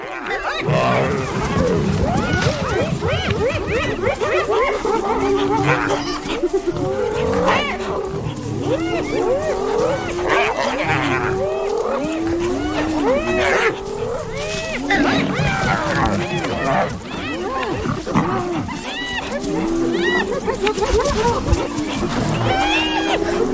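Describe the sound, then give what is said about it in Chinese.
Spotted hyenas try to drive a lion away from its prey in a loud, continuous chorus of yelping, giggling whoops and rising and falling cries, with deep growls and roars rumbling underneath throughout. “我还从来没见过斑鬣狗把一只狮子从猎物旁边赶走。”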